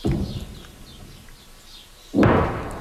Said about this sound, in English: Those distant explosions echo across the south as Israeli troops push deeper into the country to target Hezbollah strongholds.